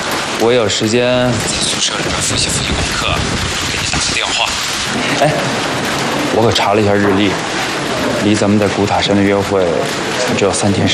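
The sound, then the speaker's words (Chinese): Steady rain hisses continuously in the background, a dense even wash of noise, while people talk over it throughout. “也没啥事儿，这不下雨吗？正好这两天啊，矿上就停工了。”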